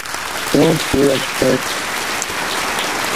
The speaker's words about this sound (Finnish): Kiitän sinua kovasti ja täältä tulee aplodit.